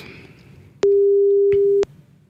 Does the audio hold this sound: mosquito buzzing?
no